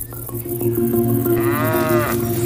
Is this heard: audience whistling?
no